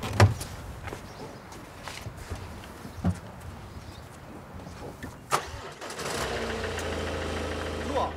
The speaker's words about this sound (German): Innerhalb von wenigen Sekunden ist das Problem bereits gelöst. Das Auto läuft wieder.